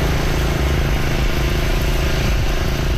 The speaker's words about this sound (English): The pumps are going full tilt in the town about 65 kilometers east of Edmonton.